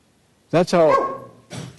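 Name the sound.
dog barking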